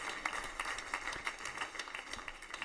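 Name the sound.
spontaneous applause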